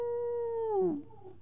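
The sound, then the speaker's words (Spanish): A single wolf howl: a long, steady, mid-pitched tone that bends downward and trails off into a softer tail, clear, with no voices. “¿Un lobo?”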